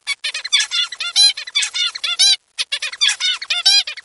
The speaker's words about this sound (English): Male zebra finches learn to sing a unique song from their dads, listening to and learning to imitate the pattern of chirps.